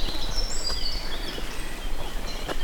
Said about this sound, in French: Entre les deux averses, les oiseaux sont de sortie.